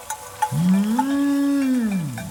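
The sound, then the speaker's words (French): A single long, drawn-out cow moo that swells and then trails off, loud, with a few faint clinks just before it starts. “Le son de la voix parcourt l'air et se propage de montagne en montagne pour arriver jusqu'à l'oreille des vaches.”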